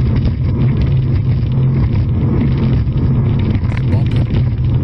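A racing speedboat engine roars loudly as the driver works the throttle, a steady, droning sound with a deep hum, buffeted by wind across the microphone for the whole stretch.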